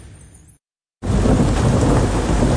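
A thunderstorm: faint rain hiss, a brief silence, then a loud, sustained roar of heavy rain with deep rumbling thunder, with no voices.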